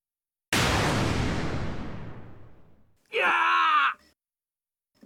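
A loud crashing blast that rumbles and fades over a couple of seconds, followed by a strained, harmonic vocal cry like someone being knocked down, loud, lasting about a second.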